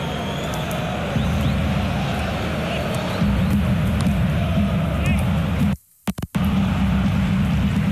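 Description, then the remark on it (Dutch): Low, steady rumbling of thunder over El Sadar stadium during a football match rolls beneath the constant roar of the crowd, swelling slightly partway through, with a brief dropout in the sound near the end. “Het onweert boven El Sadar.”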